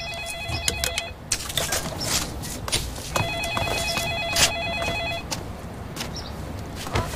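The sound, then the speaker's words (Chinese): A telephone rings in two bursts, one brief and one about two seconds long, with a gap between. The tone is steady and high, over constant background clatter and shuffling movement. “接电话去。”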